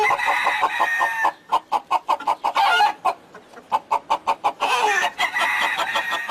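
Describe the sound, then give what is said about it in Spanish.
A rooster kept in a cathedral in northern Spain crows in long, strained calls at the start and end, with a quick run of sharp hen clucks pulsing steadily in between. The birds sound loud, with no talking. “Hemos llegado de noche, lamentablemente la catedral está cerrada, pero hace unos años pude venir por este punto y tomar fotografías a ese gallo y gallina que la tenéis ahora mismo ahí en pantalla.”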